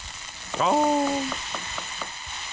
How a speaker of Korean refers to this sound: 동태전, 녹두전, 산적꼬치, 동그랑땡 부치는 소리 아니겠습니까?